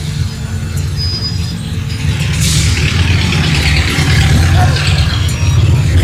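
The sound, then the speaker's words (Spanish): Several heavy trucks idle while waiting to enter and load gravel, with a steady, low diesel rumble that swells slightly louder over a few seconds, with faint clatter and outdoor noise in the background. “Están esperando los camiones para entrar y cargar. Cargar el ripio.”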